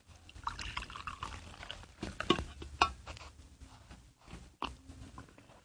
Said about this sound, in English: Here, I'll pour you a cup of coffee.